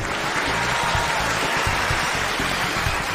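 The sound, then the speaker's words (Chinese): A large audience at a music show claps and screams loudly and steadily for the whole stretch before the first singer takes the stage, a dense, unbroken wash of applause with excited shouting mixed in and a faint low musical rumble underneath. “相信此时此刻大家的期待值都已经拉满了，让我听见你们的掌声和尖叫声好吗？”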